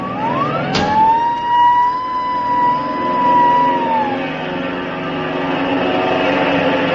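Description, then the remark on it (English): A loud, already warm airplane engine is started for takeoff and whines up sharply in pitch, then settles into a steady, humming drone over a low rumble that runs throughout, with no voices. “Luckily, the engine's warm.”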